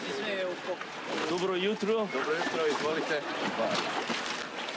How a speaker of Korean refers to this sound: 선착장에서 보트를 타고 바위 위 성모 섬을 찾아갑니다.